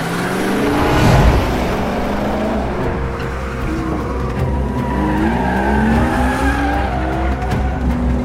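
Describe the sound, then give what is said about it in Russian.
A car's tires skid and squeal loudly as the vehicle whips around in a police J-turn, the engine roaring throughout with rising and falling pitch, continuous without any talking. “Это снималось с реальными машинами, реальными каскадерами, которые реально разворачивали эту машину?”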